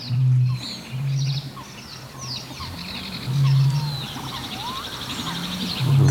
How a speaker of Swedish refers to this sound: men vi lyssnar ju också väldigt gärna på fåglarna runt omkring oss, och det ska vi göra nu härifrån effektmickar vid Tåkern i Östergötland.